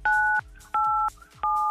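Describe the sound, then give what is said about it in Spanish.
Three phone keypad tones beep in quick succession as 987 is dialed to spin an artist roulette, each a steady dual-pitched electronic tone lasting about a third of a second, separated by short gaps, clear with no talking. “Apriétale 987 a tu teléfono para girar la ruleta de artistas.”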